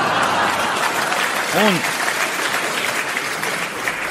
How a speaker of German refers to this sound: Alle zitterten und rissen aus, doch dem Publikum war das egal. So etwas von donnerndem Applaus gab's in Toggenburg zum ersten Mal.